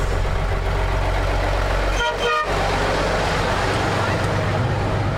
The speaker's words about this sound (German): Hier kommt schon ein Bus. Hier kommt der Bus, ja. Kommt er.